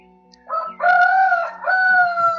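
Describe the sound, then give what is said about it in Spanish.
A rooster crows, one loud drawn-out cock-a-doodle-doo in several sustained rising and falling segments, with a low steady hum underneath. “Oh, Padre, gracias por el canto de las aves, que podemos, Señor, escucharlo, Padre.”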